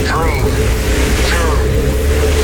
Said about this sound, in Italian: Accensione motori.